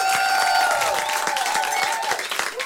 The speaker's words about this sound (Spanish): Otro no, que no se detenga ese aplauso porque sigue Leo de Francisco en trompeta.